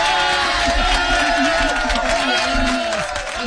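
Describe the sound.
A crowd applause and cheering sound effect played on an early-morning show, a dense, steady wash of clapping and voices lasting the whole few seconds, loud and unbroken.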